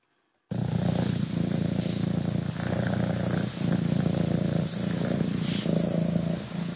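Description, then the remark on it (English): A cat purrs steadily, a low continuous rumble that swells and dips in a slow breathing rhythm, with no other sounds around it. “I think we might have a purring cat here.”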